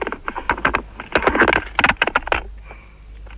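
Muffled clattering and scraping over a telephone line from a handset held in a person's mouth; dense bursts of knocks that thin out toward the end, with no clear speech.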